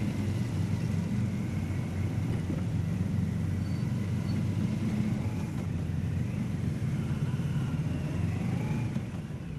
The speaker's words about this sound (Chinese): 好，我们现在看到的是特朗普总统车队抵达的画面啊。我们现在看到整个车队的规模也是非常的壮观，有武警国宾摩托车队进行护卫啊。即将看到的是特朗普总统的车队抵达人民大会堂的现场。